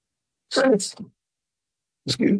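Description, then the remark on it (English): A sharp sneeze bursts out, then after a short silence a second sudden sneeze-like burst follows. Both are loud and abrupt, with no talking around them. “Excuse me. Nothing to sneeze at.”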